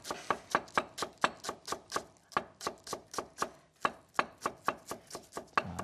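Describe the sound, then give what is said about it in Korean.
A knife steadily shreds washed cabbage into thin strips on a cutting board, about four crisp thuds per second in an even rhythm, each stroke with a bright, crunchy edge. No one speaks. “그래서 양배추도 채 썰어서.”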